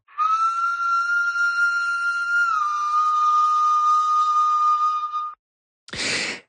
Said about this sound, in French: C'est une flûte slovène qui a été trouvée à Dioulé, Babé, et on écoute ce très vieil instrument.